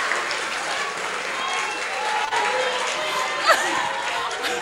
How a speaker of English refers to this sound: Please clap for them, your patrons.